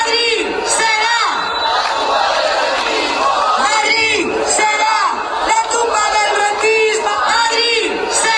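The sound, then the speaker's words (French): A large crowd of protesters in Madrid chants the slogan "Madrid will be the tomb of the rentiers" at full voice, many voices shouting together loudly in a steady repeating rhythm that continues throughout. “Alors que cette réforme a été rejetée par la majorité des députés, les protestataires sont omniprésents autour de la Puerta del Sol, de la place de Cibeles ou encore de la place d'Espagne où on peut entendre ce slogan crié à plein poumon.”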